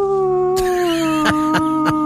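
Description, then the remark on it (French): A person imitates a dog howling: one long, steady wail that slowly drops in pitch, with a few soft knocks in the background. “je peux hurler, s'il y a d'autres terriens qui hurlent à la lune, comme on dit, je vais hurler avec eux”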